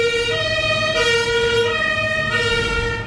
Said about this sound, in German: mach mal kurz das Fenster zu, weil die Feuerwehr da recht laut war gerade.